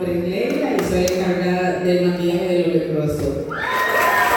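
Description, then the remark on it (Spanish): An audience at a play cheers loudly for the crew member who coordinated the lighting, with high shouts and whoops over a steady wash of clapping. A rising whistle-like cry cuts through near the end. “Hermoso, fuerte el aplauso.”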